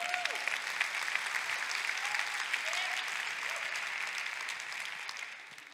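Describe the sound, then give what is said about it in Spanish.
Sustained applause from a sizable audience, a dense steady patter of clapping that holds for several seconds before tapering slightly at the end, with faint voices mixed in. “Dale un aplauso.”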